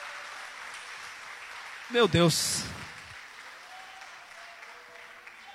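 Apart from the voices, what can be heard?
audience applause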